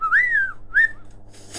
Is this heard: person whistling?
yes